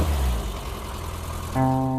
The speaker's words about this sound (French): Écoutez cette boule de nerf de 995 cm3 des moteurs série A. Un bijou de moteur de course. C'était son moteur et il faudrait le lui rendre.